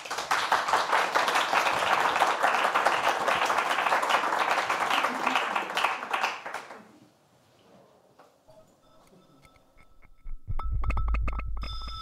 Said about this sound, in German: Und ja, ich sag mal so, einen großen Applaus für El Guernica, ein Hörbild.